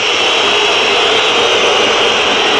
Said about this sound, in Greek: Ακούτε τις αποδοκιμασίες τώρα.